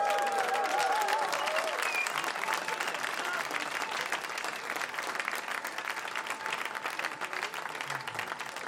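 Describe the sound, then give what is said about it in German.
An audience at a live performance applauds steadily for several seconds, a dense wash of many hands clapping at once, with a brief whistle or cheer rising out of the crowd near the start. “Give it up.”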